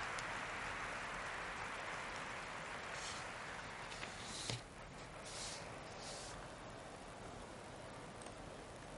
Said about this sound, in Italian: Ecco l'apertura, ci colleghiamo in diretta. C'è l'applauso.